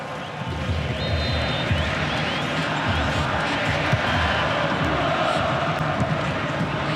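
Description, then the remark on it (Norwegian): A festive Argentine football crowd fills a stadium during the first water break, almost 22 minutes into the match, with a loud, steady roar of cheering and chanting that carries on without a break, dense, with no clear individual voices standing out. “Oss første vannpause da med et argentinsk feststemt publikum som også har mest å juble for etter snart 22 minutter.”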